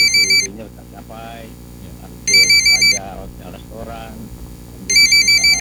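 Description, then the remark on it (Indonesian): A telephone rings in three trilling bursts about two seconds apart, loud, with people talking in the gaps between the rings. “Tuh, ada telepon tuh.”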